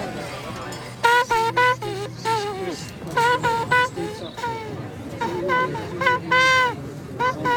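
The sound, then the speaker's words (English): A horn plays a bouncy tune in a string of short, bright notes that rise and fall, with quick repeated blasts, over a low murmur of crowd chatter. “you blow your horn. Have you heard me blow the horn?”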